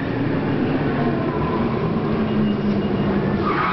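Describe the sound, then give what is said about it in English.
A car brakes hard without anti-lock brakes, producing a sustained, loud rumbling skid with a steady tonal whine from the locked tires, continuous for several seconds. No voices. “Okay, let's try it again, this time with the anti-lock brakes.”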